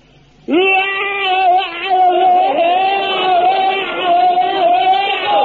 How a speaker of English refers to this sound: Now, when it comes to bayonet drill, very important thing to remember is your scream. Now, the scream is the thing that really puts the wind up the enemy. Now, you fill your lungs up with the air and let it out like this.